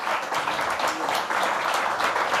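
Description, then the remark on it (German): A crowd at the Berliner Hörspielfestival applauds the nine nominated artists steadily, dense overlapping claps forming a continuous bright wash of sound at a constant loud level, with no talking over it. “aber ich finde, das ist wirklich, ich finde, es hat nochmal einen Applaus verdient, dass wir hier 9 Künstler und Künstlerinnen hatten.”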